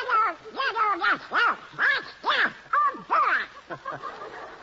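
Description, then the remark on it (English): A cartoonish duck voice squawks and quacks in a rapid, garbled burst of about a dozen loud, nasal syllables, with no other talk. A human voice is imitating a duck. “Donald Duck, you've denied being the worst singer in the annals of radio”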